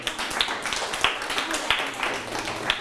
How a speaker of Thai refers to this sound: ปรบมือให้ตนเองครับ